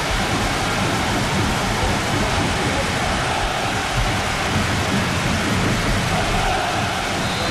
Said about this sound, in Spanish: El sonido es el de la lluvia. Es el de la lluvia.